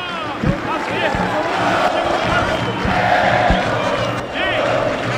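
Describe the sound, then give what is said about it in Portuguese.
A large crowd of Brasil football fans chants and shouts together in the Boca do Lobo stadium, refusing to leave, a loud, dense roar of many voices with occasional sharp claps and thuds, steady throughout. “E a torcida do Brasil se recusa a deixar a boca do lobo,”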